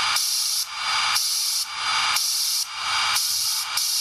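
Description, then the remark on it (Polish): Signal of an RS-41 radiosonde transmitter: harsh, steady static like FM hiss, bright and fairly loud, dropping briefly about once a second as frames are sent periodically and the transmitter switches off, before surging back. No voices. “No, słychać też, że ramki są nadawane co jakiś czas, nadajnik jest wyłączany i leci szumek trudno odróżnialny od szumu FM.”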